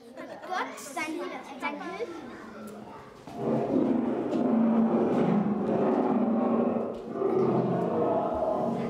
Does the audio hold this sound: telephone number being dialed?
no